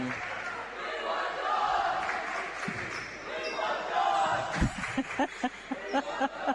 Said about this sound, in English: There's the crowd chat from above us, from the Suns.